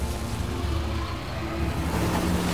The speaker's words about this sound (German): Unser frisch gewaschenes Auto. Achtung, einmal durch die Schlammpfütze. Daumen drücken, dass wir nicht stecken bleiben.